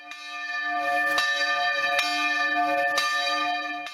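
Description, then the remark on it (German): Church bells in Maria Alm in the Pinzgau ring out together on a Sunday in a steady, overlapping peal, with strikes landing roughly every second and a rich ringing hum sustained between them. Loud, with no voices. “Seit einer Woche bleibt das Glockenläuten in der Gemeinde aber aus.”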